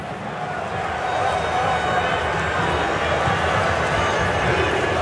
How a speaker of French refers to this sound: Et oui, il me demandait aussi pourquoi il y avait ces cris et ce bruit qui montait, ces clameurs qui s'intensifiaient dans le stade. Mais vous venez de le voir, Livakovic est allé chercher un petit peu le soutien du public croate